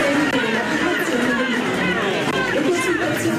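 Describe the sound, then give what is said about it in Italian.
A dense crowd of many voices at a rally, shouting and chanting together in a steady, loud wall of sound that stays constant throughout, with no single speaker standing out. “poi c'era questa folla, vediamo se adesso abbiamo di nuovo la folla italiana o quella del Burkina Faso.”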